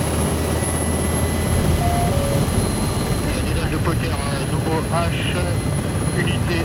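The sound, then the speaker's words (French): A Tigre military attack helicopter takes off over rapeseed fields in Haute-Marne during a manoeuvre in real conditions. It roars loudly and steadily, its rotor thudding in a dense, continuous rumble, with faint muffled voices briefly audible beneath the noise. “décollage au-dessus des champs de colza de la Haute-Marne.”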